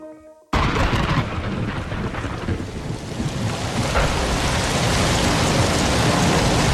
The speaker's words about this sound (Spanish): Está lloviendo, sí, llueve. Llueve en muchos puntos de España, sobre todo en Levante. Y llueve, pero claro, llueve demasiado.